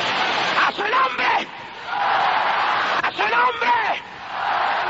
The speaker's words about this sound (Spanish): Oiga, es la mejor noche que oído este pueblo gritar en el espíritu.